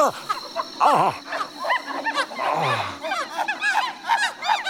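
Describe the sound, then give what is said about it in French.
Howler monkeys call in a dense, overlapping chorus of whooping, roaring cries, loud, rising and falling continuously with no pauses. “Ça, par exemple. Des singes hurleurs.”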